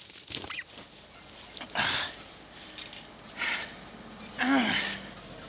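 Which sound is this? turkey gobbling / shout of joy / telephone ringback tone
turkey gobbling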